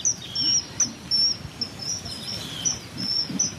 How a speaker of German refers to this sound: Sie holt aus ihrem Rucksack eine Bluetooth-Box hervor und stellt sie vorsichtig an einen Baumstamm, der über das Wasser ragt. Sie spielt über die Box das Zwitschern des Eisvogels ab. Dieser soll ihn anlocken.